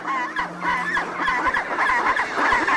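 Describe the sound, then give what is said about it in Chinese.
A dense chorus of loud, braying calls overlapping continuously, many chinstrap penguins raising their heads skyward and calling at once in a raucous, honking clamor, with no speech. “只要有一只开始，周围的帽带企鹅便会纷纷效仿。”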